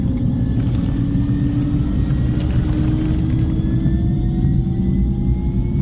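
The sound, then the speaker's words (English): A helicopter rumbles steadily and loudly on the flight deck of the ship Healy, its heavy low drone continuous throughout, with a faint turbine whine slowly rising in pitch above it. No one speaks. “Today, Jim LaVorne, a soft-spoken aquatic and marine ecologist from the University of Wyoming, is finally getting some helicopter time.”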